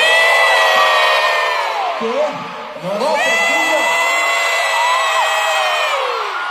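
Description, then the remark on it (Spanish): A huge concert crowd in a stadium in Chile screams and cheers continuously, dense high-pitched shrieks layered over a roaring wall of voices that stays loud throughout, with a brief dip in the middle before surging again. “Ay, qué manera de gritar ahí.”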